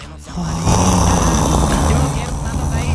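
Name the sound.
voice imitating snoring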